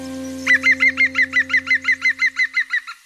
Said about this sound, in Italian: No, Picchio Verde, adesso non posso più parlare di voi.